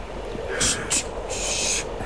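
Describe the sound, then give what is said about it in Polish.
A cuckoo calls a few times in quick succession, its hooting notes standing out over a steady, rushing background noise. “Słyszysz? Kukułka.”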